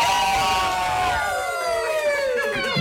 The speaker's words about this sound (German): Das nenne ich mal einen Jubelschrei.